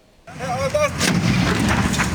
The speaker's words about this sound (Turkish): Konteyner işte böyle patladı. Çevredekiler büyük panik yaşadı. Olay Ankara'nın Akyurt ilçesine bağlı Beyazıt mahallesinde kepçe operatörlerinin bulunduğu çalışma sahasında meydana geldi.